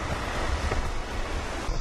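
Rough river rapids roar steadily in a large canyon in Korea's Baekdudaegan mountain range, where the river runs down a steep channel and crashes against rocks: a dense, continuous rush of churning water, loud and unbroken throughout, with a bit of wind buffeting and no voices.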